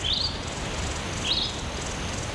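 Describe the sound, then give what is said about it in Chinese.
Two short, high chirps from small birds in the desert, one at the start and another a second later, faint against a steady background hiss of open air. No voices. “首长，首长，小鸟， 小点声，别惊扰了他。”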